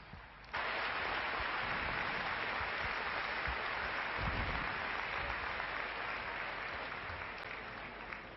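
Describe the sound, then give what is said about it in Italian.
A crowd bursts into sustained applause for the human-tower group La Coglia Castellgera after they raised a 3x8 human tower, a dense, steady wash of clapping that starts abruptly and holds at an even, loud level for several seconds without any voices standing out. “Un applauso a loro.”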